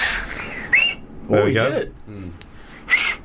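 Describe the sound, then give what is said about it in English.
Breathy, hissing attempts at whistling through two thumbs, with a couple of short thin squeaky tones breaking through the rushing air; a voice briefly sounds between tries. “Yeah, but it's basically just different combinations of fingers.”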